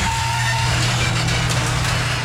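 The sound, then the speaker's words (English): A garage door grinds along with a steady, loud mechanical rumble and low motor hum, a thin squealing tone in the first half-second, and scraping rattles through the rest. “So if yours sounds like a dodgy gate at a derelict farmhouse, chat to the pros at 89s.”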